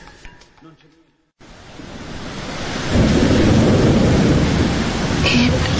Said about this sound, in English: It poured last night. Did you hear? Did you hear the sound? It was like a revolution in the sky. I mean, it was crazy.